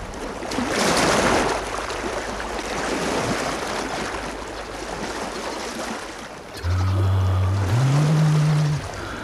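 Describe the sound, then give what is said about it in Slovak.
Sea waves wash in a steady, broad rush that swells and ebbs. Near the end, a low droning hum like a boat engine rises beneath the surf. No one speaks. “More. Pokojné, priezračné ako kryštál.”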